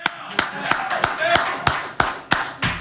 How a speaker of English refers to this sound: I know a lot of you guys can't because you're in the media and you got to be neutral, but I'm going to clap for Jose.